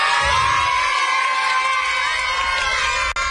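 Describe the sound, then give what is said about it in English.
A large crowd of family, friends and fans cheers and shouts in a loud, unbroken roar, welcoming home the Bridgewater Little League team of 12-year-olds after the Little League World Series in Williamsport, Pennsylvania. Many high-pitched voices, some sounding like children, whoop together throughout. “the Bridgewater Little League team was welcomed home by family, friends, and fans last night after their trip to the Little League World Series.”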